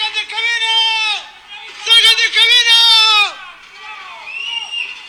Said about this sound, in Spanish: No sabemos mayor información si va con pasajero, pero se ve la magnitud de ese micro que va cayendo ahí, ahí en La Serena. Y la gente ahí como grita, es como grita, mire.